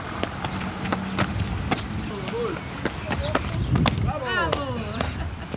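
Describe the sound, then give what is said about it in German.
Two boys of about 11 repeatedly jump up and down the stone steps to a town hall on a public square: a string of sharp, irregular footfall impacts, with high children's voices calling out in the open air around them. “Zwei Jungs, so um die 11 Jahre alt, springen immer wieder die Stufen zum Rathaus hoch und runter.”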